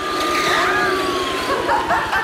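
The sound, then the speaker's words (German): Busy street traffic fills the scene, a steady roar of engines with many cars passing, one drawn-out tone sliding downward as it goes past, and faint voices mixed in. “I ragazzi, viele, viele, viele Auto,”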